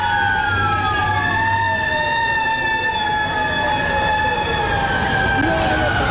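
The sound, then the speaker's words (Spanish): Fire truck sirens wail continuously on the streets of New York on the day of the terrorist attack, their long sliding tones overlapping loudly above a dense rumble of traffic and background noise. “Pues claro, esas sirenas acompañaron durante toda la jornada.”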